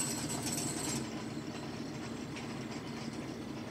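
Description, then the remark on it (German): A tractor engine runs steadily with a constant low, droning rumble, driven among a herd of birds that sometimes step out of its way. A brighter hiss sits on top for the first second, then drops away as the engine keeps going with no voices. “Ab und zu gehen sie ja dem Trecker aus dem Weg, ab und zu zeigen sie mir gegenüber Neugierde.”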